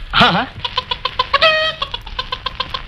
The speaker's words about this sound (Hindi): मुर्गी? हाँ पकड़ लाओ। मुर्गी? हाँ। ये तो मेरे बाएं हाथ का काम है, अभी पकड़ता हूँ।